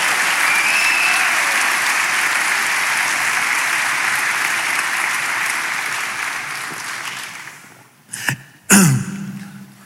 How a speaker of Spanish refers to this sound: Dele palmas al Señor. Vamos, dele palmas, dele palmas.